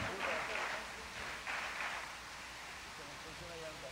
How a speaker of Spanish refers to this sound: Sí, el aplauso para Rodrigo, sí señor. Muy merecido.